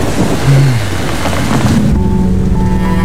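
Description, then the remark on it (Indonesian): A loud, steady wash of heavy rain from a storm raging outside a café, with a deep rumble of thunder rolling underneath and a low sustained hum emerging toward the end. No one speaks. “Badai di luar semakin mengamuk, seolah menandakan bahwa mereka akan terjebak bersama lebih lama dari yang mereka kira.”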